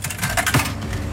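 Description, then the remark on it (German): A coin drops into the slot of an ice cream vending machine near Schmallenberg-Niedersorpe, giving a couple of quick metallic clicks and clinks over a steady mechanical hum. No one speaks. “Ich stecke hier gerade eine Münze in einen Eisautomaten rein.”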